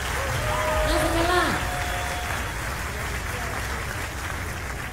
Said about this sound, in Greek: Ένα μεγάλο χειροκρότημα